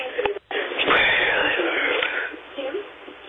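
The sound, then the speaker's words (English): Heavy, raspy breathing on a voicemail message over a muffled, phone-quality line, loud, with long breathy exhales and a brief pause near the start. “Do you recognize that breathing?”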